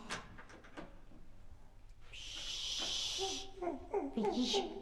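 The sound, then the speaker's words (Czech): A few soft footsteps tap on stairs at the start, then a door opens with a long, airy scraping hiss, followed by a child's voice and other vocal sounds. “Aha, už jde. A po schodech. Takže nepřijede výtahem, ale přijde dveřmi.”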